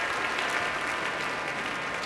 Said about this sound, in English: Now all of the musicians of the Boston Symphony standing to receive a very enthusiastic applause as La Mer is one of those pieces you want to hear this orchestra perform.